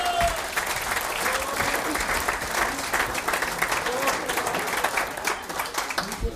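Sustained applause from an audience as a guest is called onto the stage, a dense, steady wash of many hands clapping at an even loudness for several seconds with no talking.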